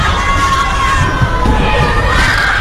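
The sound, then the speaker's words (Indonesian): A crowd of children shouting and calling out together, a loud, continuous, overlapping din of high voices that stays steady for the whole stretch with no pauses. “Hari pertama suara burung, suara sungai, dan suara anak-anak.”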